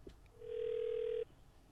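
A single ringback tone on an outgoing phone call placed by radio station CJ80 to a listener for a contest: one steady electronic ring lasting about a second, fairly loud and clear, then cutting off abruptly into quiet line noise.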